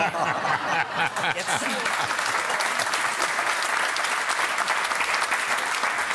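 Steady audience applause fills the whole stretch, a dense, even wash of many hands clapping at a strong level, with a bit of chuckling and crowd murmur mixed in early on.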